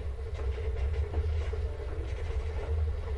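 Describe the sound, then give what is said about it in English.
A steady, deep rumble of a train rolling along on a ride from Manhattan to Hollywood, with faint rhythmic clattering over the rails, continuous, with no voices. “He popped out of my mind onto a drawing pad on a train ride from Manhattan to Hollywood.”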